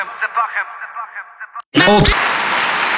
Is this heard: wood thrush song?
no